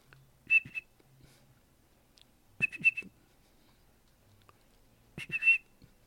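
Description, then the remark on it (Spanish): A person whistles an imitation of a bird's song in three short, evenly spaced phrases, each a bright, high trill with quick rising notes, separated by pauses of faint background hum. “Ahorita intenté imitar el canto del pajarito que les digo.”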